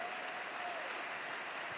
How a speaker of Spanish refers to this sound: Dale sobre tu cabeza aplausos.